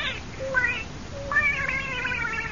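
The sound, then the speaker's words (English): A pet cat named Skippy meows twice: a short, faint mew followed by a longer, louder, drawn-out meow, with no talking over it. “And now, folks, I want you to meet our little cat.”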